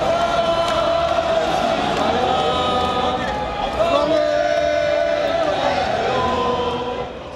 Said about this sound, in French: Une grande fête conclue par des applaudissements et une Marseillaise.